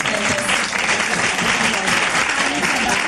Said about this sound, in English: We have 12,000 children in the program. That's fantastic. Let's clap your hands.